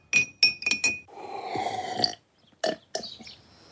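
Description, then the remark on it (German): A teaspoon clinks sharply against a glass four times in quick succession, ringing brightly, followed by a steady swishing stir and two more clinks near the end, as honey and hot water are stirred vigorously in the glass. No one speaks. “Nun mit heißem Wasser aufgießen und kräftig umrühren.”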